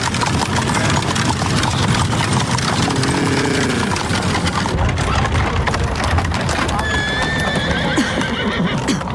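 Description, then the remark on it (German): A horse-drawn carriage rolls past on a street heading down toward the Graben, hooves clip-clopping in a steady rhythm over a constant rumble of wheels, with a horse whinnying partway through. “Vorsicht, Watson, lassen Sie die Kutsche vorbei.”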